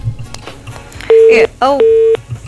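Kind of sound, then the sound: signal or alarm, telephone busy tone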